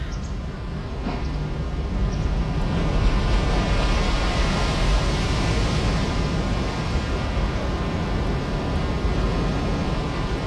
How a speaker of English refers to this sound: It's all with the sound of ocean, which I recorded in Fukushima in Japan.